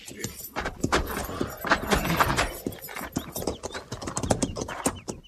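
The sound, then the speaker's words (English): Several cavalry horses' hooves clip-clop in a steady, overlapping rhythm as troopers lead them down to a stream to water them, with faint jingling of tack and occasional snorts mixed in. “Captain says we'll take a break here, ease those cinches, then lead the mounts down to the stream there and water.”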